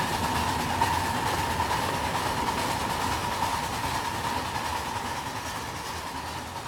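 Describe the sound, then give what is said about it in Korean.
A steam locomotive runs steadily along railway tracks near Prague, a continuous rumble with a faint clatter of wheels and a sustained whistling tone riding above it, holding level throughout. “어린 시절 그는 프라하 근교에 막 깔리기 시작한 철길로 나가 놀며 그 위로 증기기관차가 내달리는 모습에 매료되었다.”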